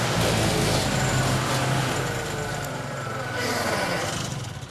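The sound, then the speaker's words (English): A chainsaw engine runs loud without pause, a steady buzzing roar with a gritty low rumble that swells slightly toward the end. “Machine of destruction. Look at it. Mincing. Atomizing.”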